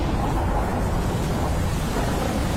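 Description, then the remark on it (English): A steady, dense roar of a thunderstorm on a stormy night over the Midlands, with heavy rain and wind over a deep low rumble, filling the whole stretch at an even loudness without any voices. “Relax and unwind to the sound of the stormy night over the Midlands.”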